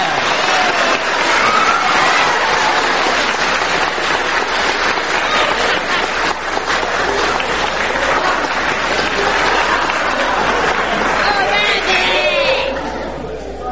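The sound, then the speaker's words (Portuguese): Loud, sustained applause from an audience for a performer on the São Bento FM programme Programa Recordado, a dense steady wash of clapping mixed with crowd chatter that holds for over ten seconds before tapering off at the end. “Uma salva de palmas para ….”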